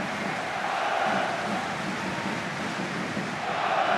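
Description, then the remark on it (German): Dense, steady roar of the football crowd at the Tivoli stadium as it starts to rain, picked up by the outside microphones: a continuous wash of many voices chanting and cheering at a constant loud level, with no single voice standing out. “Und schon ist die Kulisse da. Gut über die Außenmikrofone zu hören.”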